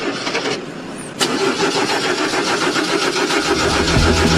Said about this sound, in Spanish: Desayunaste, agarraste las llaves, te subiste al auto y giraste la llave. ¿Y qué pasó? ¿Qué pasó ahí? ¿No arrancó? ¿No arrancó? ¿No arrancó? ¿No arrancó?